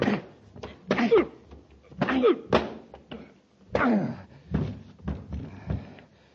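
A scuffle of heavy, dull thuds like punches landing, mixed with strained grunts and gasps, several blows in an uneven rhythm over about six seconds, then a few fainter knocks, as a commander punches a man and knocks him out cold.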